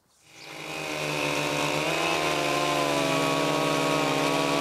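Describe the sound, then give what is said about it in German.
A chainsaw revs up quickly from silence and holds a steady, loud, buzzing roar as it makes a relief cut into a log to take tension out of the trunk so it cracks centrally. Its harmonic pitch dips slightly under load before settling. No one speaks. “Jetzt machen wir den sogenannten Entlastungsschnitt.”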